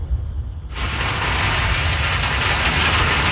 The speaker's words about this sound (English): Here's the rain. Ooh. It is coming down like crazy. Holy moly.